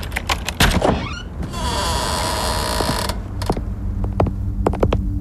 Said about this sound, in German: Mach einfach die Tür auf.